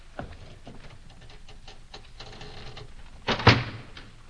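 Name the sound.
door being shut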